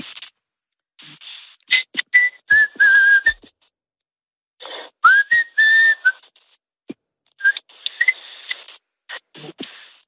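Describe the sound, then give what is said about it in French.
Someone whistles a short melody, clear sustained notes and pitch glides in phrases separated by brief pauses, with faint breathy and rustling noises between them. “N'hésite pas à te demander de me siffler quelque chose, parce qu'il paraît que tu siffles très bien, que tu arrives à faire de très belles mélodies.”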